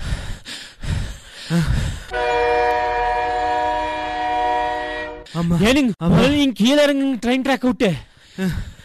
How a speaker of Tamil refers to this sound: ஏனுங்க நிலுங்க, ஏனுங்க ட்ரெயின் வர நேரமாச்சு. நிலுங்க ஏனுங்க, ஏனுங்க அங்க பாருங்க, பச்சை கொடி காமிச்சிட்டானுங்க, ட்ரெயின் வந்துடும்.